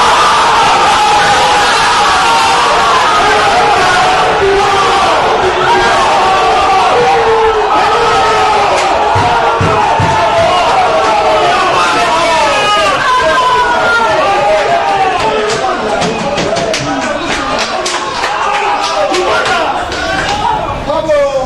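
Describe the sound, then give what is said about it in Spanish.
The newsroom staff of the AS newspaper, about 8 or 9 people, cheer and shout in celebration, yelling 'Campeón', with loud overlapping yells, whoops and excited voices sustained throughout, a couple of sharp thuds partway through. “Lo que escucharon en W Radio, pues, después de los festejos y que le gana el llanto a Tomás Roncero, fue la redacción de AS.”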